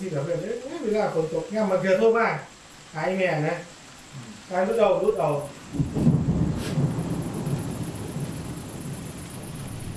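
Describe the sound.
Steady rain hisses throughout, first under a man's voice, then alone and heavier for the last few seconds with a deep low rumble mixed in.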